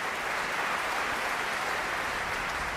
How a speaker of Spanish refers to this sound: Bueno, pues eran los aplausos ya para la Orquesta del Mozarteum de Salzburgo, dirigida por Roberto González Monjas.